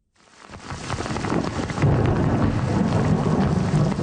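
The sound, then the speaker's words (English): Heavy rain pours steadily in a dense, hissing wash while deep thunder rumbles beneath, swelling louder partway through and sustaining a full storm roar with no voices, during a series of thunderstorms in Quebec, Canada, that closed streets, damaged homes and left thousands without power. “A series of thunderstorms closed streets, damaged homes, and left thousands without power.”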